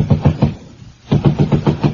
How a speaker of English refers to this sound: Can you hear that lifelike knocking? That's the neighbors complaining about the noise.